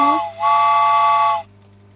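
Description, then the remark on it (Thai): A loud steam train whistle sound effect gives a short rising toot, then one sustained, breathy chord-like blast for about a second, cutting off sharply with a faint hiss fading after. “รถไฟออกก่อนเนาะรอบแรก”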